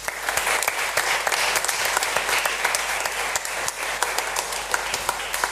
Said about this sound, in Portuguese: Um bem-aja a todos por esse empenho, essa dedicação e sobretudo pelo testemunho de fé que nos deixam. Para eles, uma salva de palmas.